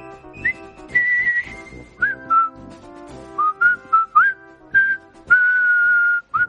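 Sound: whistled march tune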